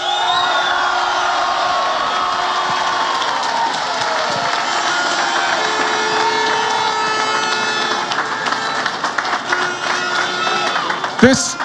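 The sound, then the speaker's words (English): A large crowd of Mayo supporters roars, cheers and claps to acknowledge their team after a Gaelic football victory. Scattered whoops and clapping run through the din for several seconds, loud and sustained before dipping near the end. “Can we give them a right cheer this time, lads?”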